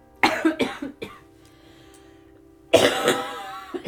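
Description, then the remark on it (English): A loud burst of harsh coughs in a massive coughing fit, three quick hacks in a row, a brief pause with a faint hum, then another heavy, rasping cough with throat clearing. “Dying, apparently. By having a massive coughing fit.”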